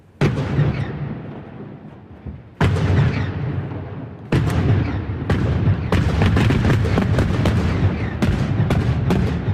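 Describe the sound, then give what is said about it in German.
Rock-blasting explosions in the morning on a rock face above Lake Uri at the Axen, between the cantons of Uri and Schwyz, marking the construction start of the Morschach tunnel for the new Axenstrasse: three heavy booms a couple of seconds apart, then a dense, rapid string of sharp cracks over a swelling low rumble. No voices. “gerade am Anfang mit einem rechten Klopf, oder besser gesagt, mit ein paar Klöpfen”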